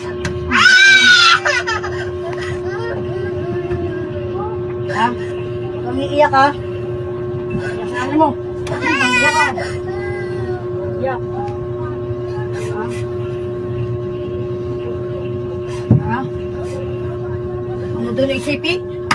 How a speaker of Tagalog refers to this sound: Ipadungog ni MJ ang tingog sa bata kagahilak. I'm sorry sa mga sensitibo ni siya ha.